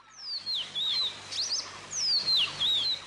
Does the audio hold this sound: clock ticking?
no